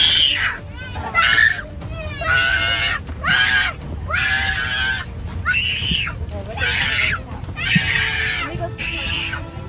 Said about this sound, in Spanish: Este pequeñito comenzó a llorar a todo pulmón en un vuelo desde Alemania a Nueva Jersey. Pero los pasajeros no sabían que los gritos seguirían durante 8 interminables horas.